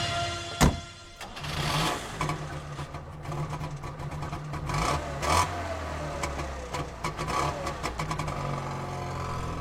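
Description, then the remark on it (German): A Trabant's small engine rumbles and revs as the car drives off, a low buzzing drone broken by rattly bursts and one sharp knock early on, with no talking. “Ja, und da fährt er dahin.”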